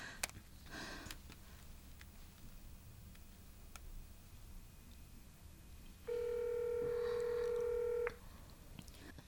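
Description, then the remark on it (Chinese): Telephone dialing tones as a call is placed that goes unanswered: a few faint clicks, then a steady, loud electronic beep that holds for about two seconds before cutting off. No one speaks. “不行，我打给他。”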